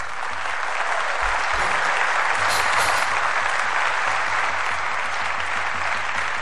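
A crowd of supporters applauds a wrestler as he walks toward the oil cauldron, a dense wash of many hands clapping that holds at a constant, fairly loud level throughout without pause, with no talk over it.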